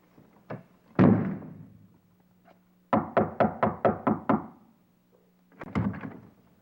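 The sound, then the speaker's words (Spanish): Loud knocking on a door: a couple of sharp raps and a heavy thud, then a rapid burst of about seven knocks, followed by a final few blows. “Mira, chavita, si me sigues tocando la puerta, yo te voy a sacudir la cabeza.”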